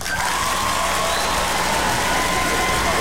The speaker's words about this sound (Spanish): Aplausos, por favor, para todas las personas que escuchan Radio Disney.